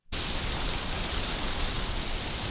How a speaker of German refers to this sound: Ja, haben wir schon lange nicht mehr gehört, oder? Heute ist es aber soweit. Endlich gibt es wieder mal ein bisschen Regen im Land.